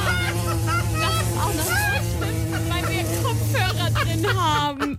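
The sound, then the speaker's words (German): A voice imitates buzzing wasps with a steady, loud, nasal drone that wavers in pitch, held for about five seconds before breaking off abruptly. “Wespen. Ja. Ich hasse die Dinger, wirklich.”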